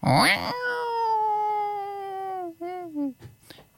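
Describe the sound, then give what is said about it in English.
A tall, strong marmalade tomcat calls loudly in one long, drawn-out yowl that holds steady and then sags downward, ending in two shorter wavering cries, alone with no talking. “And suddenly all the cats in Bellingen, all the cats in Dorigo, all the cats in all the towns around, they all came running because they'd heard the king of the cats calling.”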